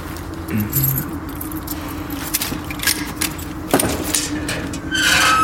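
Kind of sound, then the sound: household object, keys jangling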